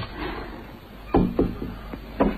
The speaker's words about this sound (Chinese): 掏出钥匙开门，可怎么也开不开，里面反锁着。